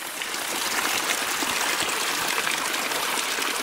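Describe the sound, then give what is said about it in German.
A small, elongated waterfall at a river's source pours from a rock massif in a steady, unbroken rush of splashing water, fairly loud, with a bright hiss and no voices, in humid jungle heat at the Las Mercedes reserve. “Ein auf- und abschwellendes Konzert von Zikaden begleitet uns den Flusslauf hinauf bis zur Quelle, die sich in einem kleinen langgezogenen Wasserfall aus einem Felsmassiv ergießt.”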